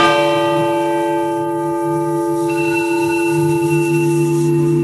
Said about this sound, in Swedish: Kungafamiljer, presidenter, massa människor som sitter i den här otroliga kyrkan och ringklockan ringer.